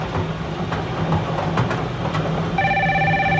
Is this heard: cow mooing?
no